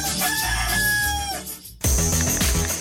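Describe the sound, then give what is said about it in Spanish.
A rooster lets out one long, loud cock-a-doodle-doo with a wavering, drawn-out ending, then the crow cuts off and upbeat music with a driving beat bursts in, introducing El Gallo. “Estás en El Gallo.”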